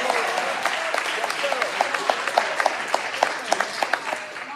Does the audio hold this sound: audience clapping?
yes